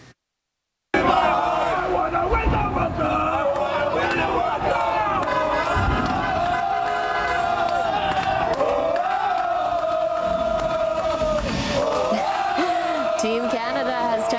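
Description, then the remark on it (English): A large outdoor crowd of supporters in Toronto cheers and shouts continuously as Canada's team bus passes by on a Sunday afternoon ahead of the FIFA World Cup, a dense roar of many voices with whoops and chanting rising and falling after a brief silent start. “The players landing Sunday afternoon with a crowd of supporters cheering them on outside as their team bus passed by.”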